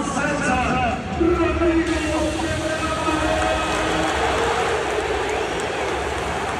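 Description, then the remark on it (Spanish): A large crowd at the Camp Nou stadium applauds Barça's new midfielder Capel in a dense, steady wash of clapping that holds for several seconds, with a murmur of cheering voices mixed into the roar. “Al final, Capel llega eligiendo al Barça por delante del Madrid, y eso sí cabe, hace que la gente aplauda con un poquito más de fuerza, ¿no?”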